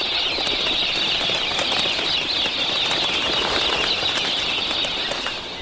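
A flock of galah cockatoos takes flight, wings beating in a dense, continuous flutter that stays loud for several seconds, with a bright hiss of feathers throughout.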